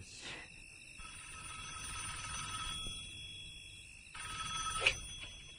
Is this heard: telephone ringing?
yes